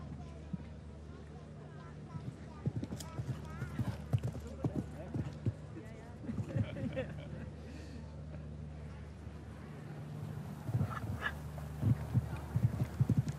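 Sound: horse hooves galloping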